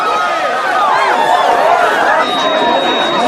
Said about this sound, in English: The crowd of people rush in, pushing Bogey backwards.